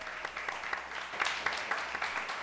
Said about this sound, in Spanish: Y como escucharon, nuestro público está más que entusiasta en esta ocasión, así que otro aplauso a nuestro público.